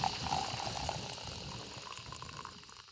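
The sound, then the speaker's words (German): A luxury coffee machine runs steadily, hissing and gurgling as boiling-hot water pours over freshly ground coffee beans, a continuous liquid sound with no voices that eases off slightly toward the end. “Oh, also unsere Super-Luxus-Kaffeemaschine übergießt jetzt mit kochend heißem Wasser die frisch gemahlenen Kaffeebohnen.”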